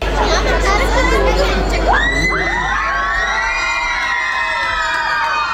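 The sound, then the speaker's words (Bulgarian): A loud crowd cheers and shouts with excitement as it welcomes rhythmic gymnast Stiliyana Nikolova home after her success at the World Championships in Frankfurt, high voices rising in long whoops and screams over a steady roar of babble that carries on without pause. “Така Стиляна Николова беше посрещната след успеха си на световното първенство в Франкфурт.”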